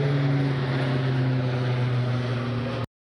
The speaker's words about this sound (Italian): I pompieri sono sopraffatti dalla tempesta di fuoco che si vede a chilometri di distanza e non sembra placarsi, nemmeno quando 5 Canadair gettano acqua dal cielo in contemporanea.